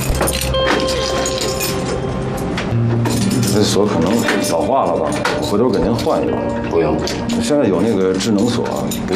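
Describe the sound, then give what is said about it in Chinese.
Keys jangle and scrape in an old metal lock, clinking in quick, uneven bursts close by, with voices talking and some background sound underneath. “爸，这锁可能老化了吧？回头给您换一把。”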